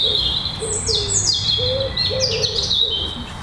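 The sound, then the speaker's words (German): A robin pours out fast, busy song in quick, high, tumbling trills that run almost without pause, with softer lower notes and a faint outdoor hiss beneath. “Genau, das ist der Vogel, wo manche das Bild haben von dem perlenden Gebirgsbach.”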